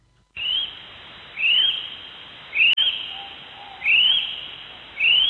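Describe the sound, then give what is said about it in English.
A kiwi calls with a series of five shrill, rising whistles, evenly spaced about a second apart, loud against a quiet night background with no talking. “Nah, mate, that's a kiwi.”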